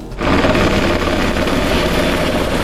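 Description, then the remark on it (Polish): A police Black Hawk helicopter roars, its rotor and engine making a loud, steady, rapid thrumming that starts abruptly and holds throughout, with no voices. Every few minutes it scoops water from a nearby reservoir and drops it over a burning forest in the Józefów forest district, Biłgoraj county, Poland. “Policyjny śmigłowiec Black Hawk co kilka minut nabiera wody z pobliskiego zalewu i zrzuca ładunek nad płonącym obszarem.”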